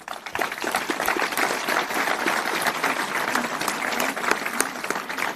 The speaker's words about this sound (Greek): Πιστεύω πως σε αυτούς τους γονείς αξίζει ένα ζεστό χειροκρότημα.